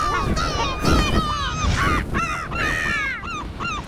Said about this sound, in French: Le goéland arrive au-dessus d'une petite plage de sable où des gens pique-niquent. Midi 30, pile à l'heure pour mon dessert. Allez, go, go, goéland. Le goéland s'élance en criant.